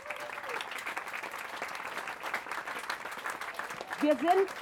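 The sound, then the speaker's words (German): An audience gives steady applause for the playground builders from Tollerei, a dense crackle of many hands clapping throughout, with a voice cutting in briefly near the end. “Und jetzt ein großer, und da glaube ich, ein großer Applaus für unsere Spielplatzbauer von der Tollerei.”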